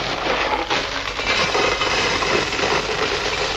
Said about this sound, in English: What have we got here? Box of gravel.